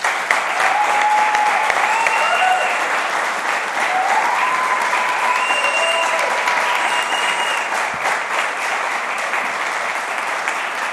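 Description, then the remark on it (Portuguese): A large crowd claps steadily and loudly for about eleven seconds, applauding the Lord, a dense sustained applause with faint cheering or whistles rising now and then above it. “E eu queria pedir agora para que todos nós pudéssemos, né, aplaudir ao Senhor”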